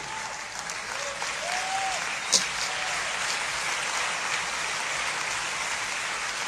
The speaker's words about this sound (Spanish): Dale un aplauso al Señor por eso. Fuerte este aplauso al Rey.